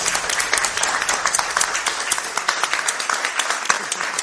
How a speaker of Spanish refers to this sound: actor, un aplauso.